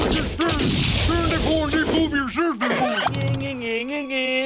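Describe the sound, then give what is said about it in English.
Loud, rapid booming blasts like cannon shots fire in quick succession, mixed with an excited cartoonish voice yelling over the noisy barrage. “You couldn't hit me with a... cannon? Hey, everybody! He's got a cannon!”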